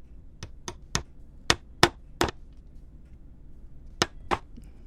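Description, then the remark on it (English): Eight sharp hammer strikes ring out: a quick burst of six uneven blows, a pause of nearly two seconds, then two more, over a faint low background hum with no talking. “One or two more hammers.”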